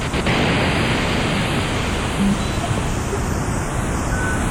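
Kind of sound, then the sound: sound effect, synthesizer white noise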